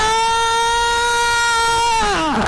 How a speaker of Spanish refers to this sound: ¡Ay, qué feo grito!